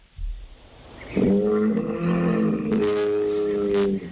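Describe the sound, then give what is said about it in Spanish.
A bull bellows loudly: one long, deep, drawn-out call lasting about three seconds, rough and droning, after a brief low rumble at the start. It is played as an animal sound to guess in a quiz game. “Ana, Toro. Sí.”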